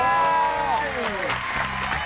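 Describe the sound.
Applause breaks out to welcome a guest, a dense crackle of clapping over a voice whose tone slides downward before the clapping takes over.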